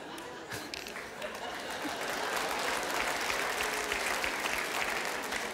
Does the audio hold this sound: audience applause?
yes